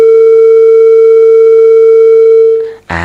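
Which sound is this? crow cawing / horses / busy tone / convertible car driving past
busy tone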